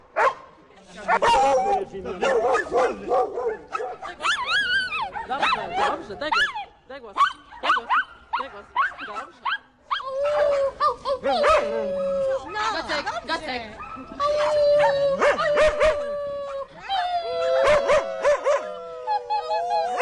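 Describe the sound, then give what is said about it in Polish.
A 15-year-old female dog barks in rapid bursts, then breaks into long, wavering howls mixed with yips and whines, loud and continuous for the whole stretch. “Ten pies mnie znalazł, a nie ja jego, na ulicy i spojrzał mi się w oczy.”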